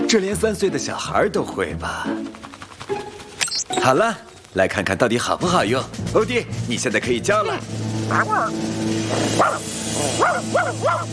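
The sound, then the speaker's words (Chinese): A person imitates a dog while testing a supposedly advanced anti-barking dog collar, letting out a long string of loud, rapid barks and yelps in uneven bursts, with only brief gaps between them. “欧弟，你现在可以叫了。”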